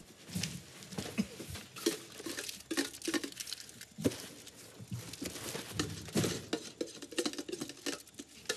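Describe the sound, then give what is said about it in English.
A man eats food out of a catering-sized tin with a metal spoon, which scrapes and clinks against the inside of the tin in quick, irregular strokes, with soft chewing and rustling between them. Nobody speaks. “Later, … eats some food out of a catering-sized tin with a spoon.”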